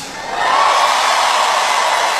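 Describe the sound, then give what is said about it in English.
An audience in Houston, Texas cheers and shouts in a loud, sustained roar of overlapping voices that holds steady for a couple of seconds without fading. “Don't cheer.”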